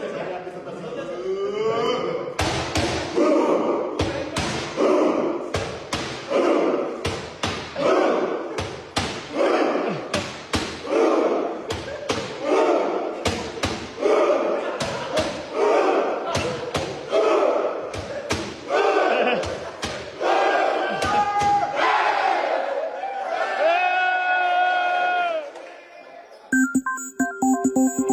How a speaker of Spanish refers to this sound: Bueno, para quien está escuchando la radio, pues es la selección mexicana con caretas y pues haciendo este fantástico festejo de los vikingos que nos ha atrapado el corazón.